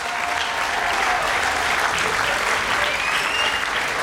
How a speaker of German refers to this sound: einen ganz großen Applaus für alle Helfer, die da mithelfen, dass das Festival das ist, was ist, das Woodstock der Blasmusik und das ganz einzigartig ist. Danke.